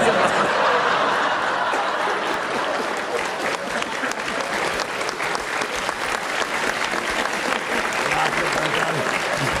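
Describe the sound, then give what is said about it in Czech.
A full audience bursts into sustained applause after a single line by actor Jiří Kodet. The clapping is dense and rapid, at a steady loudness for several seconds, with a few scattered chuckles and murmurs mixed into the crowd noise. “Jedna věta a aplaus, to rozumím.”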